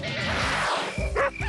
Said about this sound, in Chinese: 几点了，还让不让人睡觉了？这狗都叫了大半夜了，也没人管管吗？